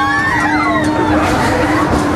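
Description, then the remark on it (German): Many riders scream together on Belantius Rache, a large swinging-ship fairground ride that also spins around itself, their high, wavering shrieks overlapping and rising and falling in pitch over a steady, loud roar of crowd noise, measured at 92.2 decibels. “Bin gespannt, wie viel Kreischalarm wir hier mitkriegen.”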